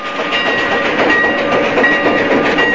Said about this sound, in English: An old steam engine chugs its way through the western desert towards the frontier town of Shinbone.